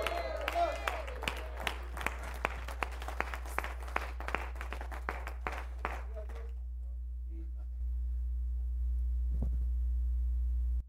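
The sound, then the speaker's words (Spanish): An audience claps in a burst of applause, sharp overlapping hand claps for about six seconds, then it fades out, leaving a low steady hum. “Cuando tú aplaudes así, el Señor me dice, cruza para el otro punto que lo entendieron.”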